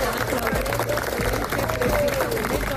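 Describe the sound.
Steady clapping from a small group of people, among them a young man's mother, applauding him as he comes out alive, continuous throughout, mixed with overlapping voices and general crowd commotion.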